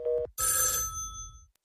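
A telephone bell rings loud: a short, lower buzzing burst, then a bright metallic ring that clangs and slowly fades out, with no voices.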